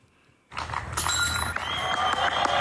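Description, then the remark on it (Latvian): A flying disc thrown by a disc golf player slams into a chain basket with a bright metallic jingle, quickly swallowed by a burst of spectators' applause and cheering that continues steadily to the end. “Te varam arī īsi paklausīties, kā skan, ja disks tiek iemests grozā.”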